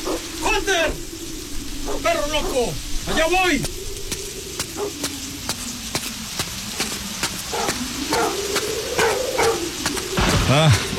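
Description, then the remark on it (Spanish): A dog named Hunter lets out a few loud, sharp barks at irregular intervals at a tomb, set against a steady crackling patter like rain or static. “¡Ya cállate! ¡Deja de ladrar!”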